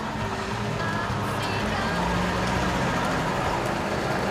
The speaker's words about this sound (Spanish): Mira sorprendido al coche rojo que se le acerca despacio.